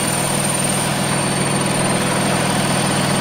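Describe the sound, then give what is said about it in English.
A very noisy printer in a studio, printing out a bingo result, runs with a steady, loud mechanical whirring drone and a faint high-pitched whine, unbroken throughout with no voices. “That's just coming out of the very noisy printer that we've got here in the studio.”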